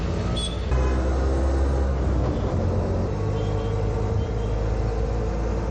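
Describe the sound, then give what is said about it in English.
A steady engine rumble from riding in an auto rickshaw through heavy city traffic in a hot, humid coastal city in India, with a loud low drone and rattling road noise that runs continuously, shifting slightly in pitch as it moves. “Right in an auto, what you call auto rickshaw.”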